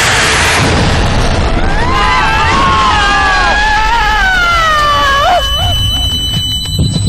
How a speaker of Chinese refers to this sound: 巨大的声响跟爆炸力道把马哥跟小欧弹飞，两个人眼前一黑，昏了过去。